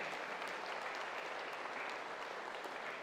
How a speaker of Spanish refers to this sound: para quienes damos un fuerte aplauso de felicitación en su día.